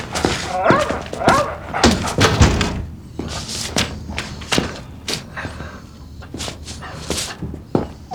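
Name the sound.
dog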